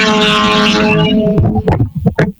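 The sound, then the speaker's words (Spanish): A rally car, a Hyundai Tucson, car 610, on stage TC5 of the Vuelta al Ecuador, roars loudly, holding a strained high-revving tone for about a second before breaking into sharp bursts and crackles as it sweeps past and fades. “Tengo carro a la vista, escuchamos el rugir.”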